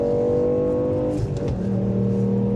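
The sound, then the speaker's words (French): A 200-horsepower rally car, driven hard on a racetrack, roars loudly, revving under acceleration with a brief dip in pitch midway, like a gear change, before pulling again. No one speaks. “On m'a dit que c'était une voiture de rallye.”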